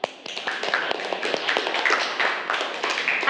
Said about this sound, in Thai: โอเคนะโอเคปรบมือเพื่อนหน่อยค่ะ